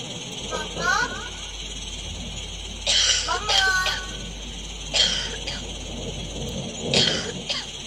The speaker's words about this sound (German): Also ich kann hier wirklich starke Rauchentwicklung erkennen. Und man hört ja die Kinder husten.